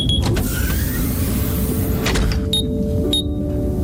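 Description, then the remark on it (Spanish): A sleep capsule closing in module 14C of a submarine vessel: a steady mechanical whirring hum runs throughout over a low rumble, with a few sharp clicks and a high electronic beep from the module near the end. “La cápsula de Indiana se cierra mientras la respiración de su ocupante se va ralentizando, acompasada por el suave oleaje marino.”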